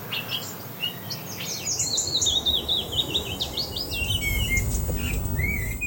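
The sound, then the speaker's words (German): Several songbirds sing at once, blackbird, blackcap and willow warbler, their bright, warbling phrases overlapping steadily over a soft outdoor rustle, with no voices. “Und ganz vorne mit dabei, unter den angenehmsten Stimmen, wir hören mal rein, Amsel, Mönchsgrasmücke und der Fietes. Die klingen so.”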